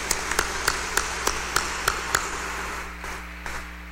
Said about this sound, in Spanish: Brindémosle un fuerte aplauso a los cumpleañeros.